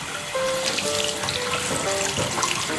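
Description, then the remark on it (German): Tap water runs steadily into a washbasin while someone's hair is being washed, a continuous splashing hiss with faint shifting tones from the stream, filling the whole short stretch with no one talking. “Ja, und jetzt mache ich mal das Wasser an.”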